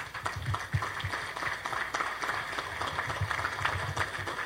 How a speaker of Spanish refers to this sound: Vamos a iniciar recibiendo con un cálido aplauso al presidente.